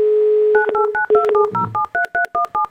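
On the Avtoradio station, a steady dial tone gives way to a quick run of about ten touch-tone dialing beeps as the studio phones a listener, each a short two-pitch chirp in a brisk, even rhythm, with no voices.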